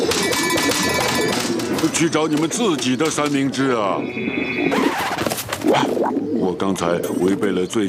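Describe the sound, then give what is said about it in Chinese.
Giant pigeons about to attack coo in a steady, warbling stream over a busy, loud scene, with overlapping voices and bright chiming effects mixed in throughout. “一只巨型鸽子，还有一只，巨型鸽子要进攻了，太可怕了！”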